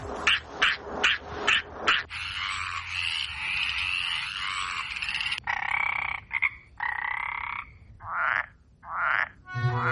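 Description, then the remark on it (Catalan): A chorus of frogs and toads croaking, starting with a run of rapid, pulsing croaks, then long continuous trills and shorter bursts, loud with no talking. “Que és maco, són granotes, no? Granotes, gripaus.”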